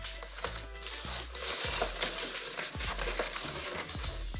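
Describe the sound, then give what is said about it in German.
Plastic foil crinkles and rustles steadily as it is cut and torn, with sharp crackling snaps scattered through a continuous papery hiss and no voices. “Da reißt sich die Folie sofort ein.”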